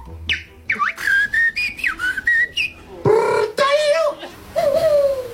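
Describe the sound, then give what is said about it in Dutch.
A person whistles a bird-song imitation at the Dutch national bird-whistling championship, held in the evening in a park in Utrecht, with quick chirps, trills and rising warbles in short bursts, fairly loud, ending in longer sliding whistled calls. “Een prachtige reportage over het NK vogelfluiten van gisteravond in een park in Utrecht.”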